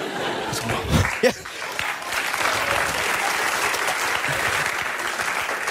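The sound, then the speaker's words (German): A crowd bursts into sustained applause, dense clapping continuing steadily for several seconds, with a brief swell of laughter or cheering near the start. “Nehmt den Applaus zurück.”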